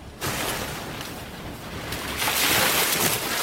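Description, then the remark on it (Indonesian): Ocean waves surge and wash steadily around a boat that is nearly reaching land, a broad, rushing noise that swells louder toward the end, with some wind buffeting. No voices. “Perahu yang ditumpangi Tanduk Alam dan Tuan Putri sudah hampir mendekati daratan.”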